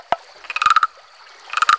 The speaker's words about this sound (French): Parfois, on croise un castor en train de couper du bois avec ses dents. Le bois lui sert à construire un barrage pour abriter la maison de sa petite famille castor.